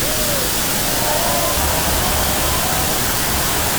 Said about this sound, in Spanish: brindemos nuestro sincero aplauso a Santa Clara de Asís y al beato Mauricio Ornelio.